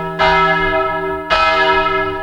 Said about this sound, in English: And yet, like those medieval Irish hermit monks, this drowned bell rings from a place hidden, calling to prayer, to remind, and to reflect.